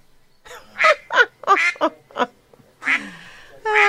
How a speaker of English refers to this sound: It's all about the ducks. Hang on, hang on. Quack, quack. What can I say? That was, honestly, I hadn't heard them. I just wanted to put them on. So this is what's happening. We have got the duck race going on in Great Yarmouth.